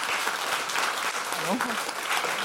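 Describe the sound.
Steady applause from an audience, a dense wash of clapping that holds at an even loudness throughout, with a brief voice rising faintly underneath midway.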